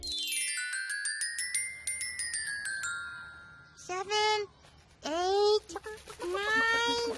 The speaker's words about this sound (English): Huh? Elmo was sure that he heard chickens.